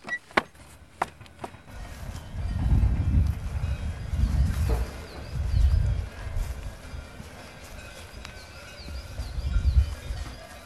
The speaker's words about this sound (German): Die Kühe und die Kuhglocken zeigen es uns schon an. Wir sind vom nächsten Hof nicht mehr weit entfernt.